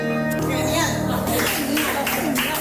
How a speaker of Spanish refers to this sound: Bueno, muy aplaudido por lo que veo al acabar, ¿no?